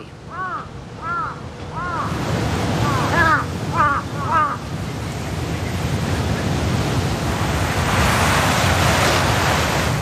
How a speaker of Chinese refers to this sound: 几分钟后，乌鸦发现了地上的尸体，现场顿时混乱起来。他们的叫声明显发生了变化。 乌鸦现在发出的似乎是警报声，之前的警报也吸引了附近的乌鸦过来查看。